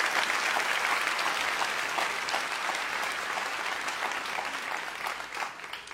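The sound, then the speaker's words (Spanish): A church audience applauds God in praise during a service, a dense, sustained patter of many hands clapping at an even loudness throughout, with no voices rising above it. “Vamos, si vas a aplaudirlo con más ganas el día de hoy.”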